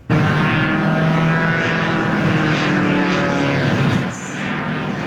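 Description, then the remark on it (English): A loud, steady propeller engine of a giant fan strapped to a parachutist's back buzzes overhead during an aerial stunt around the CN Tower, its droning pitch wavering slightly as he flips and twirls through the air, then easing a little toward the end. “Equipped with a parachute and a giant fan strapped to his back, he flipped and twirled through the air”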